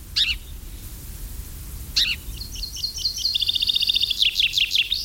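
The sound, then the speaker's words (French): House sparrows chirp outdoors: a few sharp chirps, then a rapid run of repeated cheeps, with several birds calling close together over a low rumbling background. “Voilà un oiseau qui était autrefois très très commun et qui aujourd'hui l'est beaucoup moins, même si par endroit il peut y en avoir beaucoup dans certaines fermes ou certains villages, c'est le moineau domestique.”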